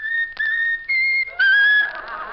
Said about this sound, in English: I know that you have a tune you like best of all. How about whistling the tune that you like best of all? Whistle, whistle, whistle.